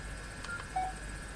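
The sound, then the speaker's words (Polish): Short electronic keypad beeps from a phone as the star key is pressed to go to the home screen, a couple of brief tones in quick succession, moderately loud over a faint steady hum, with no one speaking. “Nacisnąłem gwiazdkę, by przejść do ekranu głównego.”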